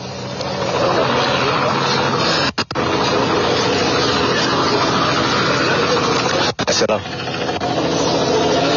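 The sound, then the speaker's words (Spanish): Loud, steady droning of police helicopters flying overhead fills the whole stretch, a continuous roar broken only by two brief dropouts. “Estamos viendo, bueno, o por lo menos estamos escuchando que están sobrevolando ya los helicópteros de la policía en este sector.”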